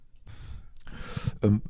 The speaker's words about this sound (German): Dafür trinke ich erstmal einen Schluck Kaffee.